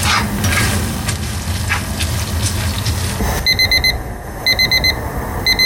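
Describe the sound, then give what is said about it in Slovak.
A kitchen timer beeps in quick bursts of high, steady tones, starting partway through, while pasta with baked tomatoes and feta cheese is being cooked, over a busy background of sizzling and stirring in a pan. “Pohľad na minútky prezrádza, že sa už blížime do finále”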